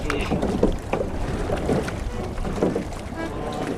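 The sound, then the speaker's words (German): Oars of a rowing boat with several rowers aboard dip and splash through the water of the Alte Donau in a steady rowing rhythm, one stroke about every second, over a constant wash of water and light wind. “der ist für uns rudern gegangen”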